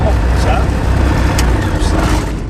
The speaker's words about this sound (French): Et on démarre. On est en train de mettre les gaz sur l'axe de montée initiale 18.